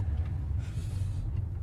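Steady low road and engine rumble fills a car cabin in motion, a constant muffled drone with faint hiss above it and no voices.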